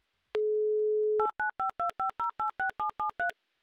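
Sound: telephone number being dialed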